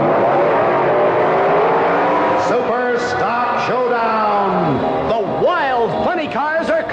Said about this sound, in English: It's the grand opening Funny Car Championship Meet. Strong nitromethane burning Dodges from Detroit. Screaming lightweight Chevrolets from Chicago. Supercharged Fords from Pennsylvania. Powerful Plymouths from Virginia.